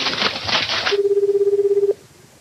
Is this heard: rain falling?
no